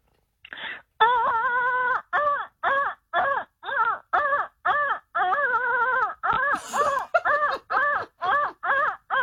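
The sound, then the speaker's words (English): A voice imitates a printer feeding paper: a steady run of about fifteen short, buzzy, wavering vocal bursts, loud and rhythmic, with no talking over them. “You know when the paper feeds through and it sounds exactly like that.”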